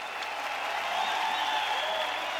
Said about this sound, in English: A huge cheer from the crowd. But Mondo can't get it done on the third and final attempt. He looks dejected. He would dearly have loved to have got this world record in front of his home crowd. They applaud.